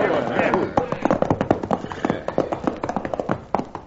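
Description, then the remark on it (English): Several horses, being ridden hard, clatter their hooves in a quick, uneven rhythm of sharp clops. The beats then thin out and slow into separate steps as the riders rein up. “we're running these horses to death and getting no place.”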